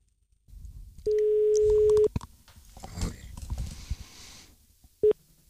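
A telephone ringback tone sounds as a call is placed over a direct line from a Yleisradio studio in Pasila: a steady one-second beep, a pause of about four seconds with faint room noise, then the start of a second beep.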